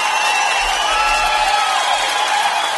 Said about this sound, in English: I did my first 10K run. I'm giving myself a big cheers and a clap there. Thank you very much, folks.